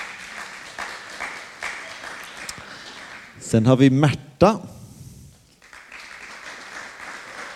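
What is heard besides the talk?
applause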